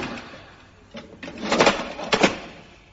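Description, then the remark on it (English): A heavy metal cell door in a mock-up of Wormwood Scrubs prison scrapes and clanks shut, followed by a couple of sharp mechanical clunks as it is locked, moderately loud, with no voices. “Okay, now, we just locked the door up.”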